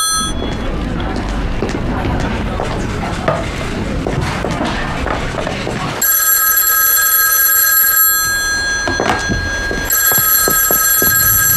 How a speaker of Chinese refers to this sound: 电话。